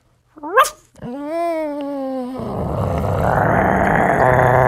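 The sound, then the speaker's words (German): A person imitates a small dog: a quick high yelp, then a drawn-out whiny howl with a steady pitch, turning into a rough, louder growling noise that builds toward the end. “Ein kleiner Hund.”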